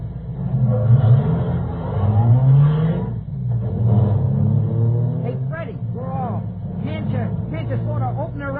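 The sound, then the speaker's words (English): A car engine drones steadily, rising and falling in pitch as it revs and accelerates in a race, passing another car, with muffled voices breaking in over the motor near the end. “Look at her pickup, Fred. We're passing him. Keep her open, Mr.”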